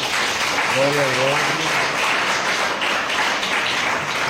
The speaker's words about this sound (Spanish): Un aplauso, muchachos.